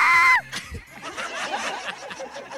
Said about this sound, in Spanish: Hoy es el día del grito. ¿Del grito? ¡Del grito! Hoy me gustó mucho ese grito.